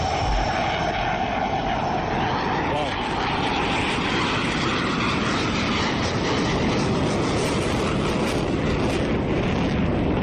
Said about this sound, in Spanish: El caza ruge en el aire.